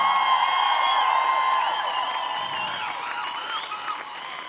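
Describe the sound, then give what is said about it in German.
A concert audience in Krems applauds a band steadily for several seconds, a dense wash of clapping mixed with cheering and sustained high-pitched whoops, easing slightly in loudness toward the end. “Der Applaus ist das Brot des Musikers und wir werden heute nicht verhungern.”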